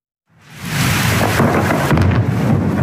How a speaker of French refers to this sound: Le tonnerre a grondé la nuit dernière à Saint-Jean-de-Luz dans les Pyrénées-Atlantiques. Dans le ciel, une pluie d'éclairs a percé l'obscurité sous les yeux des habitants. Des orages qui sont particulièrement intenses avec une forte activité